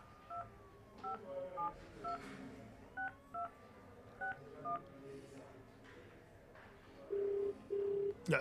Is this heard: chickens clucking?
no